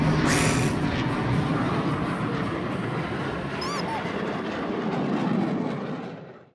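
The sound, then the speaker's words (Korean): A loud, steady engine roar with heavy low rumble fills the whole clip, broken briefly by a short high whistling chirp partway through before the noise fades at the end. “슈퍼 슈퍼 슈퍼 슈퍼 우람찬 엔진 소리야.”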